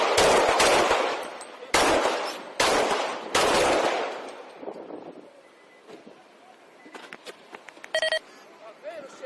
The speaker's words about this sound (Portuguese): Em seguida, ele atira 7 vezes. Vamos ouvir.